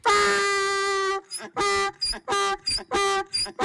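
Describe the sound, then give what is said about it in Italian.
A donkey brays, tried out as a phone ringtone: one long, loud, nasal honk followed by a rapid series of shorter rasping hee-haw pulses in a steady seesaw rhythm, with no talking over it. “Neanche l'asino va bene, così ci sentiamo dei somari.”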